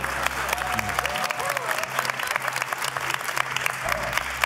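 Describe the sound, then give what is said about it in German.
Steady applause from a studio audience during a quiz game in which celebrity teams bet on answers, dense rapid clapping at moderate loudness, with a low hum underneath and faint voices mixed in. “Wenn wir nicht geklatscht haben, brauchen ja nichts mitzunehmen, wenn es nachher, wenn es eine gute Entscheidung war.”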